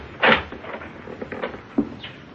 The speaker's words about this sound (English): He's coming back, boss. He's opening the door.